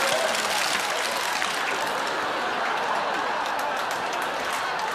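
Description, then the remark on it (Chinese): A dense, steady wash of many hands clapping together along to the song "If You're Happy and You Know It", sung in Chinese, sustained for the whole stretch at an even, fairly loud level, with no voices or music standing out above it. “如果感到快乐，你就拍拍手。”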